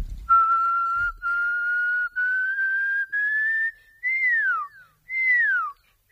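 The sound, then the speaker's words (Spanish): A person whistles an imitation of a pearl-spotted owl: a series of steady, clear notes rising gradually in pitch, then two louder notes that swoop downward, with no talking. “y luego cuando llegué a casa estoy investigando un poco y se trataba del Pearl Spotted Owl, que creo que traducido es el búho perlado, algo así, con motas.”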